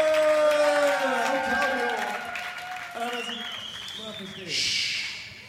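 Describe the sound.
An audience claps in a dense, steady wash of applause, with whooping and cheering voices rising over it. The clapping eases slightly, then swells again briefly toward the end.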